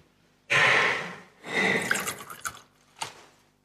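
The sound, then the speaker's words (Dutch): Water trickles into wine in a chalice: two short, hissing splashy pours with small drips, then a single final drop, in otherwise quiet surroundings. “Water en wijn worden één, gedeeld ons mens zijn.”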